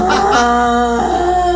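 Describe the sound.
A person imitates a goat's bleat, a loud, sustained, wavering nasal cry with a brief break midway, with no other talk.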